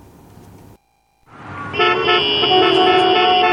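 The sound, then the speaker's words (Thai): Traffic rumble in a traffic jam on the drive to Korat, Thailand, fades into a brief lull, then several car horns blare together in a loud, sustained, overlapping chorus of honking that carries on to the end. “เหนื่อยไหมขับรถไปโคราชทีไรต้องเจอกับรถติดจนล้า”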